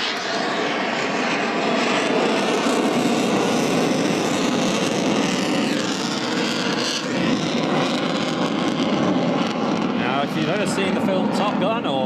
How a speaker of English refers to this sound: The nose is 25 degrees higher than the aircraft's direction of travel, known as the angle of attack. The plane slowly making its way, flares coming off the bottom of the plane as we see.